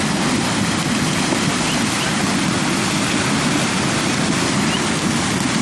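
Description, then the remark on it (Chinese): Loud, steady rush of icy river water flowing continuously as spring-born foals cross, the water reaching over their backs, a dense churning hiss with no pauses and no voices. “冰冷的河水没过小马的背部，初次下水的他们还来不及适应，就得马上学会如何在河水中保持平衡。”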